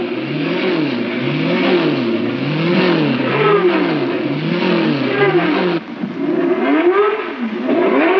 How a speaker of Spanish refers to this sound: Mientras los autos calientan sus motores para el Gran Premio Místico, el Príncipe San y la Princesa Gracia llegan al palco imperial.